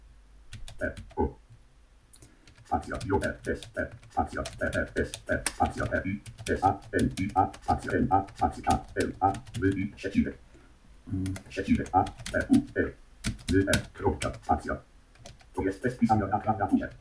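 Rapid typing on a Bluetooth keyboard into a notepad on a monitor, a dense run of crisp clicks, continuing steadily with brief pauses over about seventeen seconds, with Caps Lock switched on and Ctrl A used.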